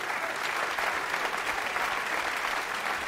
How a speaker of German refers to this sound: Und wie Sie hören, der Applaus wollte nicht enden.